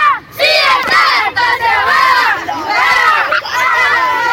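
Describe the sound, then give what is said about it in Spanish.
The children of the Halcones de UFA team shout and cheer together in the rain in a loud, continuous celebration, many high-pitched voices overlapping in excited yells with brief dips between bursts. “Se largó la lluvia, che, ¿cómo están festejando los chicos de los halcones? Escucha.”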